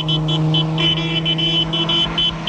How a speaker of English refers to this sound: They notice a car passing with people waving to the newlyweds.